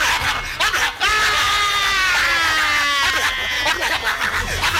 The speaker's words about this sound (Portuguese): Ele foi atacado logo após a invasão e os gritos de dor fizeram com que os vizinhos acionassem a polícia militar. E os cachorros partiram para cima dele.